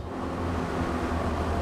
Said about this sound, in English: After further stops at Jaman and La Perche, the cogwheel railroad reaches the summit after 10 kilometres. Underground, the train crosses part of the old town.